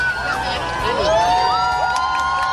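A large crowd of tens of thousands of people, officially 60,000, at the Playa de Palma cheers and whoops continuously during a total solar eclipse, many voices overlapping with rising and falling shouts and high-pitched cries over a steady roar of excitement.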